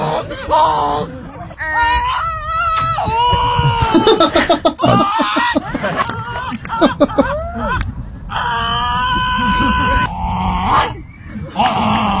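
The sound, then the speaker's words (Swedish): Several people gathered in a park in London take turns making loud, strained honking cries imitating geese, with wavering and squawking calls, while a crowd around them laughs and reacts in the background. “ett gäng i London som samlas i en park och så låter man som en gås”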